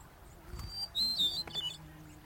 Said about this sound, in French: Un son attire notre attention. À cette époque de l'année, les chants des oiseaux se font plus rares, plus dilués dans le temps, plus hésitants aussi. Mais il y en a encore un qui retentit régulièrement dans les fourrés.